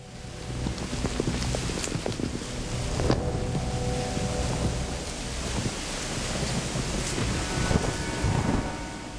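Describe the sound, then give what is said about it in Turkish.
Heavy rain suddenly ending the dry season pours down on a person cooking over a fire, in a steady, dense roar, with wind buffeting the microphone and occasional sharper spatters. “Şu anda sağanak yağmurun altındayım.”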